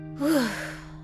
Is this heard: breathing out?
yes